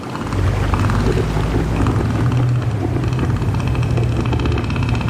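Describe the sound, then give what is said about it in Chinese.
A male northern elephant seal, inflating its huge nose, gives a deep, loud roar, a sustained low rumbling bellow with a pulsing, throaty texture that continues steadily for about five seconds, with no talking. “它们鼓起巨大的鼻子，发出低沉而响亮的吼声。”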